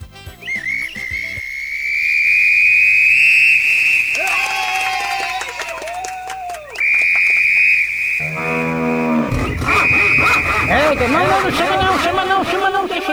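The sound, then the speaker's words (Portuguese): A shrill whistle, a whistle for calling cuckolds on the Macho Velho program, is blown in long, sustained, loud blasts with a few breaks between them, while voices and a lowing, moo-like sound mix in underneath. “Fui só apitar aqui, já começou a alarmar.”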